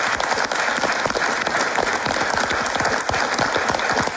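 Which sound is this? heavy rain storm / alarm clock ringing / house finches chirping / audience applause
audience applause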